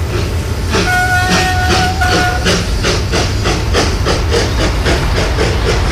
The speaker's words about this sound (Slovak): Pozor, pozor! Rýchlik do Českých Budejovíc a Lincu odchádza z tretej koľaje. Ukončite nástup.